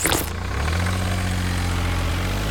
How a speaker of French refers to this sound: Ce camion benne, il récolte les déchets, les écrase pour qu'ils ne prennent pas trop de place, et ensuite, il peut les décharger. En gros, c'est une poubelle avec des roues qui mange des poubelles.